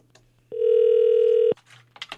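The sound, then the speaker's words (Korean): A single steady electronic telephone ringback tone from a call to a landline phone, lasting about a second, loud and clear over a low background hum, followed by faint rustling and clicks. “신호가 갑니다.”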